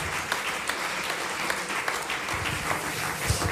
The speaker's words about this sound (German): Und da sagen wir mal großen Applaus bitte für unsere Technik heute Abend.